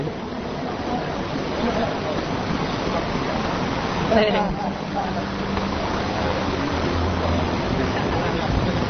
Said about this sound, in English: Sta cadendo una pioggia della Madonna, è incredibile.